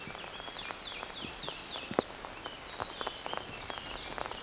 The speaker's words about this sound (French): Et les oiseaux, pour l'instant, accompagnent notre balade sonore.